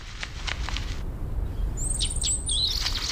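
Calls of a few shrikes keeping company with a golden eagle: a quick run of harsh, high chattering notes, then shrill whistled calls with sharp downward strokes. Low rumbling wind noise continues underneath, and no one speaks.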